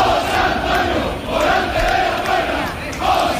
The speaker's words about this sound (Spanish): Cientos de personas llevaron a hombros a Morante de la Puebla hasta el hotel tras salir por la Puerta del Príncipe coreando su nombre por las calles de Sevilla.